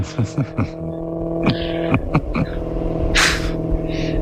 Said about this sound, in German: Und ein Maserati im Hintergrund.